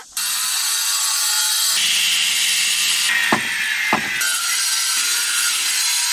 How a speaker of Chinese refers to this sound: 经过两个小时的切割、敲打与反复打磨，这块子母石终于接近了可作画的理想形状。